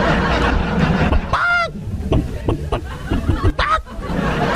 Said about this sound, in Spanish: sí se llama la gallina ponedora, la gallina siempre está cacaraqueando, mi gallina siempre está cacaraqueando.